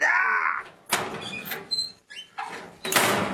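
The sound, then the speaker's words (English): A short, strained scream gives way to a series of loud, clanging metal door bangs and scrapes, irregular, with brief gaps between the crashes. “It's a two-word titled movie, and the first word is obviously something to do with pain or screaming, and the second word is something to do with a metal banging door.”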